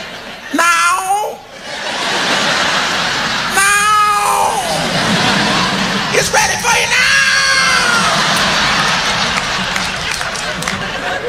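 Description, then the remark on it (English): A person's voice imitates cats yowling while mating, with three drawn-out, wavering wails rising and falling over about ten seconds, loud, above a steady wash of crowd noise and laughter. “You never see cats making love. Oh, yeah, you can hear.”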